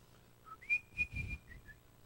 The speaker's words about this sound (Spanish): Yo estaba niño, recién convertidito, tenía como 12 años. Y venía del colegio silbando alegre una canción.